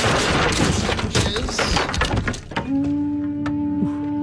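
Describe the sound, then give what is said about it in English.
The door of the Simple Pleasures Dojo on the Garner Andrews Show is kicked in and torn off its hinges: a loud, dense burst of crashing thuds and splintering wood for a couple of seconds, followed by a steady, low humming tone. “Seems like a weird way to enter the dojo by kicking the door off the hinges.”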